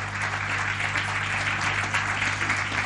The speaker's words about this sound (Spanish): ¿Cuánto le dan un aplauso grande al Señor y a su palabra?